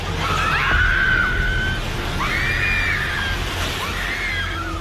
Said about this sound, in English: Footage showed the building's upper sections suddenly collapsing onto the ground floor restaurant. Bystanders screamed and retreated as thick clouds of dust engulfed the street.